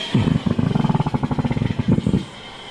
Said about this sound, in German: Klingt irgendwie merkwürdig. Ja, da strömt der Wasserstoff durch diese dicken Schläuche in den Ballon und manchmal knattert das so dabei, vielleicht wenn das verdreht ist. Ich bin kein Experte, aber so hat es sich angehört.